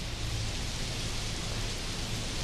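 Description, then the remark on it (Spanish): Steady, dense rainfall hisses evenly throughout, a continuous wash of drops with a low rumble underneath and no voices or distinct musical notes; a rain sound effect opening a song. “No está lloviendo, gente, es otra canción, ¿eh?”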